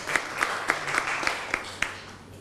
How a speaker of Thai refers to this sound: เดี๋ยวเชิญอีกหนึ่งกลุ่มด้านหน้าได้เลยครับอ่ะปรบมือให้กับตัวแทนกลุ่มนี้นะครับในระหว่างที่เพื่อนมานะฮะ